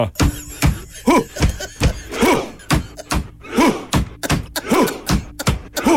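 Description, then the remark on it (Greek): Deep drum beats and sharp claps pound in a steady rhythm, each followed by a loud collective 'huh' shout from a crowd, repeating over and over: a Viking thunder clap chant, with a drum being struck, performed in a stadium. “Χτυπάνε με ένα τύμπανο. Παπ-παπ. Κάνουν ουφ.”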